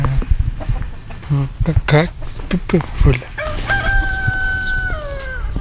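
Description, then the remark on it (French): Loud bursts of hen clucking in an uneven run, then a drawn-out crowing call, with people talking at a farm at a residential home for adults with mental disabilities. “M'approche pas la poule, hein.”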